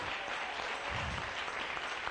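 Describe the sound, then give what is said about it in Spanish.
A church crowd applauds for the King (God) steadily, a dense, even wash of many hands clapping at once with no pauses, fairly loud throughout and with no voices standing out. “Démosle un aplauso al Rey. Bien fuerte.”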